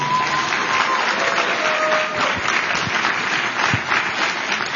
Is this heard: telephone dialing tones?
no